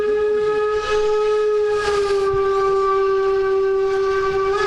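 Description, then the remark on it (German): On a chilly, windy day a locomotive drives past at about 24.7 km/h, its horn blaring in one long, steady, loud blast that holds for several seconds over the rumble of the rolling train. “Da kommt die Lok wieder mit unseren Jacken. Jetzt fährt er durch, hupt noch mal Wind und Stoffabflug.”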